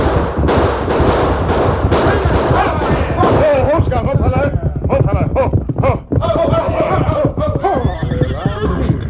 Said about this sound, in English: A signal from the leader and five masked horsemen, guns blazing, moved out to intercept him.